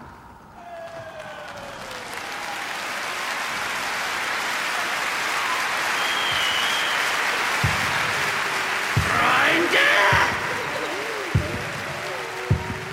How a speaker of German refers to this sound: Jubel für den Sieger. Applaus! Applaus!